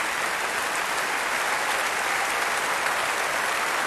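Sustained applause from a large concert audience at the Royal Albert Hall for a pianist performing with the Munich Philharmonic Orchestra under Lahav Shani, a dense, steady wash of many hands clapping at once, fairly loud and even throughout, with no voices standing out.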